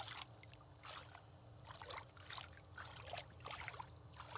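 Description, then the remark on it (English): Water trickles and splashes in irregular bursts, a steady low rumble underneath, with no voices present. “The water's not cold yet, but it's probably because it's also still kind of warm out.”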